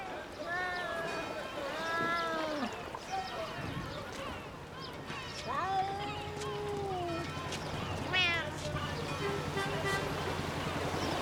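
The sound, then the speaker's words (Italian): Several stray cats meow in overlapping, wavering cries, some short and some long and drawn out, over a steady low rumble and general outdoor background noise. “Ci sono gatti randagi ovunque.”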